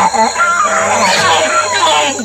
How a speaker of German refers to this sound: Die Nase männlicher Nasenaffen kann mehrere Zentimeter lang werden und hängt teilweise über den Mund und spielt eine wichtige Rolle bei der Kommunikation. Männliche Nasenaffen stoßen nämlich tiefe, laute Rufe aus.